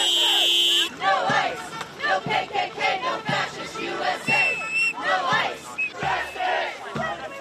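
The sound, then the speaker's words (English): A large crowd of protesters in Maine, demonstrating against the fatal shooting of a Colombian man by ICE agents, chants loudly in unison, repeating a short phrase in a steady, driving rhythm, with low thumps falling on the beat throughout. “There have been demonstrations in Maine in protest against the fatal shooting of a Colombian man by ICE agents in the state.”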